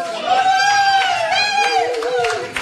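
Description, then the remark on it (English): A small crowd at a cafe and bakery cheers and whoops loudly, several voices blending into a sustained, rising-and-falling roar with scattered claps, filling the whole short burst. “Can we hear a bit of the crowd?”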